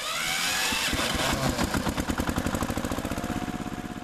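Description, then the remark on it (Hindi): A diesel tractor engine is started up; it cranks and catches, then settles into a steady, rhythmic chugging idle, loud, with no voices. “चलो पिताजी, tractor start करके ला रहा हूँ।”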